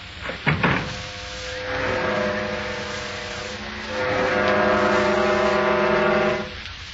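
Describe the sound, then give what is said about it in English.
A sudden heavy wooden clunk and rattle of a gallows trap door dropping, immediately followed by loud, sustained low chords of dramatic music swelling in two long blasts. “The trap door.”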